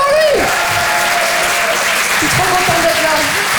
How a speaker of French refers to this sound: Applaudissez-le bien fort, les amis.